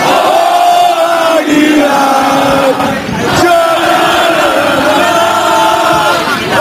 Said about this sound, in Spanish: Ese era el grito, así sonaban las calles de Águilas anoche.